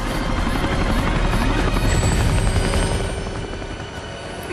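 helicopters flying

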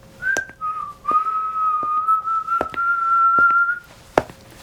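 person whistling a tune

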